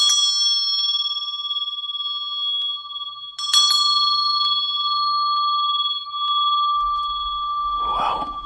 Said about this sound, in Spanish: a esa persona se le ataba un hilo a la muñeca. El otro extremo del hilo se ataba a una campana que quedaba en la guardia, de manera tal que si la persona se movía y reaccionaba, iba a hacer sonar la campana.